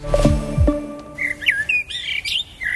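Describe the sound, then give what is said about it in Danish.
Birds chirping and singing in a clear, continuous stream of bright, warbling phrases, fairly loud, following a brief low tonal sound at the start. No one speaks. “Det er fuglenes dag, og Dansk Ornitologisk Forening arrangerer ture over hele landet, hvor nybegyndere kan få hjælp til at spotte fugle.”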